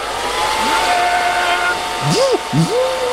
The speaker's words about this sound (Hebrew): היא לא זיהתה את הפן. אתם מקבלים? פן, זה היה פן.